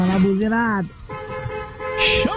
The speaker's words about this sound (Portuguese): Bom demais, a galera buzinando aqui na Band FM.